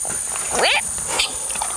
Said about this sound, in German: Tapire klingen ein bisschen wie eine Mischung aus quietschender Autobremse und zwitschernden Vögeln.